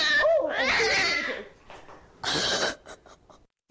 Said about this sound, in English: You could hear the cat give warning shots. Oh, that, but do you hear the moment where it goes the low growl and then, oh. That's when the cat smashed her in the face with claws out.